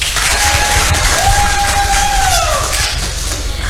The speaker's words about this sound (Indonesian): Tapi boleh ya, kita kasih tepuk tangan dulu.